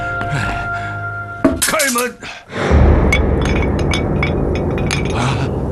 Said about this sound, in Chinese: 你不开，我开门。